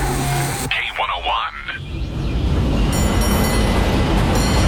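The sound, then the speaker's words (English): A San Francisco cable car rolls along its track, a steady rumble and clatter that swells and fills the scene, with a brief wavering metallic squeal near the start. “Hear that? That's San Francisco calling. Hop the cable car”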